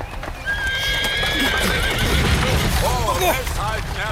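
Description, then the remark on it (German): A horse-drawn mail coach rolls along with steady clip-clop of hooves and rattling, as a horse gives a high, drawn-out whinny followed by shorter wavering neighs. “Als ich damit nicht mehr weiterkam, stieg ich notgedrungen auf Postkutschen um.”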